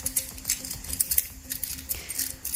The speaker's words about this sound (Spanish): Son llaves